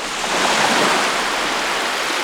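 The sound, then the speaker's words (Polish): A steady, unbroken rush of sea waves on the Polish Baltic coast, a dense hiss of surf that holds an even loudness throughout, with no voices and no distinct individual crashes. “Jeśli ktoś oczekuje pięknych widoków, kojącego szumu fal i relaksującego dźwięku deszczu, będzie zachwycony.”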